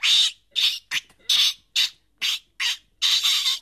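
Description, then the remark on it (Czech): A young lory parrot squawks loudly, letting out about eight harsh, raspy calls in an uneven rhythm with short pauses between them, no voices present. “Dostala toho mého lóru hned odpoledne.”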